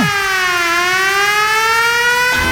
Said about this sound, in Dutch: Alsof er een sirene afgaat, zeg maar.